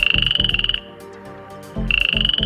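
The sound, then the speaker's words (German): Male frogs croak loudly in a fast, rhythmic pulsing trill with a high whistling tone, pausing briefly in the middle before starting again. No one speaks. “Da sind die Froschmännchen ganz schön laut am Quaken. Das kann sich sehr unterschiedlich anhören, zum Beispiel so.”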